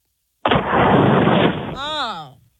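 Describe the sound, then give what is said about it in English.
A caller from Dallas blows hard into a phone for a mock blood alcohol test, making a loud, steady rush of distorted breath noise for over a second, which ends in a short, wavering voiced hum that slides in pitch. “Let's blow into the phone right now.”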